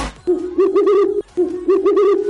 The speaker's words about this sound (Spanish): ¿Lo escucharon? El búho, ¿ya? Mi suegra despertando por la mañana. Un búho. Muy bien. Oye, que están atentos, muy bien. Respuesta correcta.